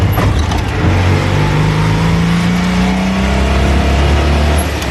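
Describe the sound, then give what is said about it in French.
A small Citroën 2CV car engine revs loudly, its buzzing note climbing steadily as the car pulls away and accelerates along boulevard Carnot, with no voices over it. “Alors, comme elle est très très légère, la Deudeuche, finalement, elle a des bons freins, malgré qu'à l'époque, ils disaient « Rien n'arrête une Deudeuche, même ses freins.”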